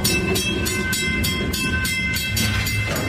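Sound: train passing on rails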